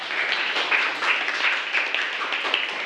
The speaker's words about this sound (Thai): ปรบมือให้กับตัวแทนด้วยค่ะ